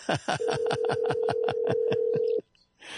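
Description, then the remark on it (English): A single steady ringing tone of an outgoing telephone call to Rock Creek, British Columbia sounds for about two seconds, fairly loud, with a rapid pulsing buzz running through it, then cuts off into near silence. “It checked out earlier when it said it's calling. Oh, yep, there it goes. There it goes. We like it when it rings.”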